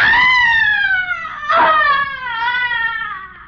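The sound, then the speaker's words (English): A loud, piercing shriek of frustration and anguish wails continuously for several seconds, wavering in pitch with a harsh, strained burst midway, with no talking; it comes from another part of an old-fashioned house in New York City. “A young man has just entered the darkened interior, and as he moves across the room, he hears a sudden, blood-curdling shriek of frustration and anguish coming from another part of the house.”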